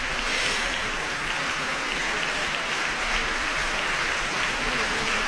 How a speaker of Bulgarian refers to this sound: Аплодисментите са за изпълнителите на тази композиция: Илина Михайлова – сопран, Мариус Донкин – актьор и голям хоров състав. Хор на Държавна опера Варна с диригент Теодора Георгиева.